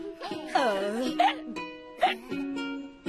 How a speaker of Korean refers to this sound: 우와, 엄마, 딸꾹질 소리도 꼭 재미있는 노래 같아요.